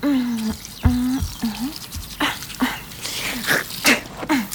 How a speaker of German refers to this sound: So, jetzt nur noch Zähne putzen.